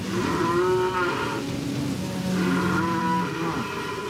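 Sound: cow mooing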